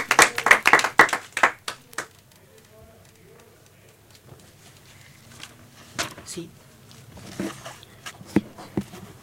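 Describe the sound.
A short burst of quick, lively hand clapping from a small group lasts about two seconds, then gives way to a quieter stretch with faint voices and a few scattered sharp taps.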